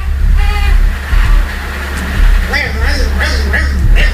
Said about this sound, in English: trying to cry and suck on the pacifier at the same time.